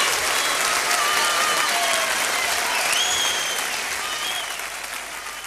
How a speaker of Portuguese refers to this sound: Uma palmas para toda a gente.